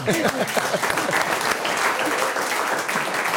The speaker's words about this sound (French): Alors que notre invité fait face à sa première mauvaise réponse. Alors on applaudit l'effort, c'est un peu comme au sport.